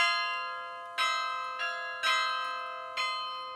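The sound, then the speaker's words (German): Carillon bells at the Karlskirche in Germany play a slow melody, played by a 16-year-old carillonneur, a handful of bright, resonant strikes at uneven intervals, each ringing out with long, overlapping sustain. No voices are heard. “Passt irgendwie zum wahrscheinlich jüngsten Glockenspieler Deutschlands”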